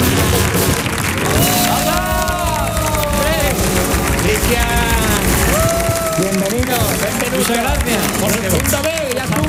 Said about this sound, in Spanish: Pues sin más dilación, querido público, queridos oyentes, vamos a recibir con una fuerte ovación en el show del comandante Lara